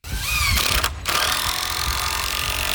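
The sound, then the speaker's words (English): Loud, steady mechanical whirring of power tools as workers build an arched wooden door on the former Wollaston Theater lot on Beale Street in Quincy, with a sharp high whine near the start and a brief break in the noise, then continuous grinding and rumbling. “Workers construct an arched wooden door on the other side.”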